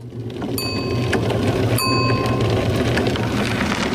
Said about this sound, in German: Wer in Braunschweig unterwegs ist, hat sie vielleicht schon mal gesehen oder gehört. Ein leises Surren, dazu ein Klingeln. Dann ist oft eine der roten Rikschas von Radeln ohne Alter unterwegs.